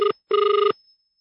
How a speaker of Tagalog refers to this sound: Nagring imo cellphone.